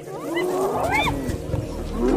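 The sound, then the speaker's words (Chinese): A spotted hyena calls to other members of its clan with rising, wavering whoops that sweep upward in pitch, over a steady low rumble of outdoor background noise. “这不是挑衅狮子的叫声，而是斑鬣狗在召唤族群里的其他成员。”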